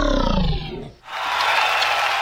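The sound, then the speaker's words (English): An applause sound effect played on 107.4 Harbour Radio: a loud, low roaring sweep slides downward and dies away, then a dense wash of crowd applause bursts in and holds steady to the end. “Applause, I appreciate that.”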